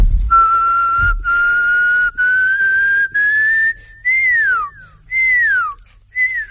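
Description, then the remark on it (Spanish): A person whistles an imitation of a pearl-spotted owl: a series of clear, high notes rising steadily in pitch by half steps, then a few louder notes that swoop upward and fall away, with no talking. “se trataba del Pearl Spotted Owl, que creo que traducido es el búho perlado, algo así, con motas.”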